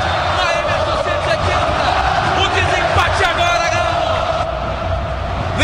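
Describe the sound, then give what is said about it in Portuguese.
A dense crowd of Atlético fans at a football match roars and chants continuously at a steady, loud level as Bernard takes a corner kick, with overlapping shouts and whoops rising out of the wash of voices. “Você escuta a vibração da torcida atleticana.”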